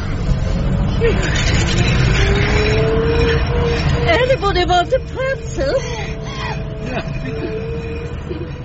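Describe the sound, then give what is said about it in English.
A car cruises along the Autobahn at about 38 miles per hour, with a steady engine and road rumble that never lets up, while several people talk over it inside the vehicle. “We're on the Autobahn. There's no speed limit. You can go any speed you want.”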